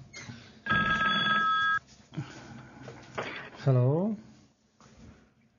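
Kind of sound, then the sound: signal or alarm, telephone ringing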